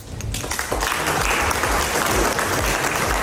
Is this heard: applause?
yes